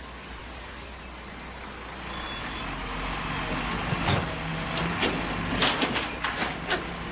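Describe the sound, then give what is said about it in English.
A garbage truck sound effect: a heavy diesel engine rumbles steadily, with several sharp hissing bursts like air brakes releasing near the end, fairly loud, with no one talking. “Garbage truck. Okay. Oh. Oh, okay. I got the sound effect.”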